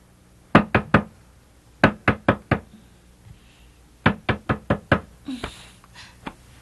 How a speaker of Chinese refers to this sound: 有人在敲门呐！ 哎呀，睡吧，三更半夜没有人会敲门的。